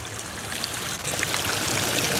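Steady splashing and trickling of water from a small fountain at a children's paddling pool below Querfurt Castle in Querfurt, Saxony-Anhalt, Germany, in sunshine; continuous, with a constant bright hiss and no voices.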